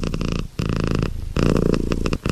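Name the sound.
cat purring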